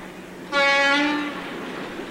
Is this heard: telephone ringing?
no